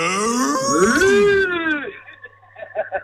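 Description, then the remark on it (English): A long, loud moo rises and falls over about two seconds, apparently a human voice imitating a cow, followed by a brief stretch of faint, choppy sounds. “My daughter's been listening since 9 o'clock and she's like, when are they going to do the moo?”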